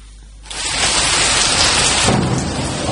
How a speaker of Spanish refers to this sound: Si lo tuyo es el campo, la lluvia tiene otro sentido para vos. Por cada gota que cae, una nueva historia rural.